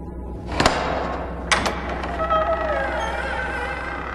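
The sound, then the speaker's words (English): A sharp metallic clack as Harry unlatches the gate to the restricted section of a library, then a second knock as the double doors are shoved open, followed by a long, thin creak of hinges trailing off. “Harry's other hand parts the fabric, unlatches the gate, and pushes the double doors open.”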